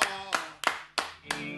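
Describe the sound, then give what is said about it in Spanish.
Audience applause welcoming a guest, heard as five sharp, evenly spaced claps in a steady rhythm, moderately loud, over a sustained tonal, music-like backdrop. “Hablando de tipos bien empilchados, le vamos a dar la bienvenida con un gran aplauso y una enorme presentación al señor”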